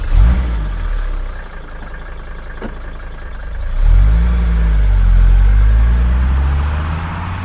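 A car engine idles with a low rumble, then revs up and accelerates away, its pitch rising steadily and staying fairly loud; no one speaks.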